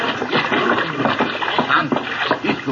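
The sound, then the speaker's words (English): Water sloshes and splashes in a steady, busy stream of noise, with a few sharper splatters and shuffling movements, as someone climbs out of a barrel full of water where he had been hiding. “Pancho doesn't know the barrel full of water. It's safe to come out.”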